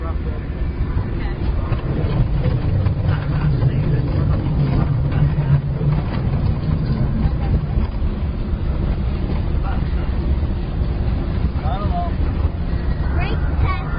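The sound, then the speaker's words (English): A test vehicle drives over a rough road during rough road tests, its engine and road noise forming a steady, heavy low rumble with wind buffeting, continuous for the whole stretch. “The torque and transmission loadout are looking good. Great. Let's proceed to the rough road tests.”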